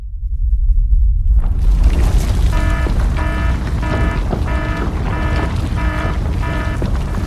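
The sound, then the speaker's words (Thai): Loud, deep earthquake rumbling roars without a break, and partway in a steady run of seven short, ringing, rattling pulses joins the low shaking noise. No one speaks. “เข้าอะไรล่ะแผ่นดิ้งไหวพวกเอ็งมุดลงมาหาที่กำบังใต้โต๊ะนี่เร็วอย่าเพิ่งวิ่งออกไปข้างนอกของจะหล่นใส่หัว”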